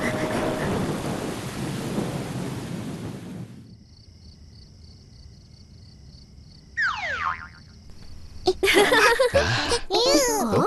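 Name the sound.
thunder rumbling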